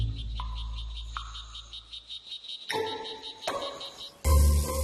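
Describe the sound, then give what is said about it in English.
A small red-bodied blue jeans frog calls with a steady run of quick, high-pitched chirping clicks, repeated rhythmically against a humid rainforest backdrop of insects and low rumble. “In Costa Rica, it is called the blue jeans frog.”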